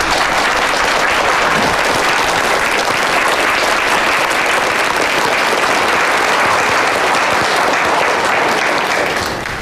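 A group breaks into sustained applause, dense and steady clapping from many hands that stays loud for nearly ten seconds, with no voices over it.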